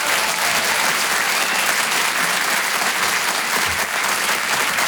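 A crowd applauds steadily throughout, a dense, even wash of clapping hands at a consistently loud level with no pauses and no voices standing out.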